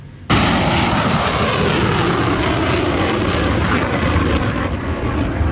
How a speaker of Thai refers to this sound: กำลังพิทักษ์ปฏิการปฏิวัติอิสลามอิหร่านหรือว่า IRGC ได้เผยแพร่ภาพนี้ค่ะเป็นการยิงขีปนาวุธระบุว่านี่เป็นการตอบโต้การโจมตีของสหรัฐอเมริการะลอกใหม่